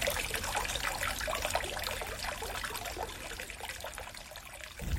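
Water trickles steadily, a continuous bubbling, splashing flow with no voices, its texture dense and even throughout before briefly thinning near the end.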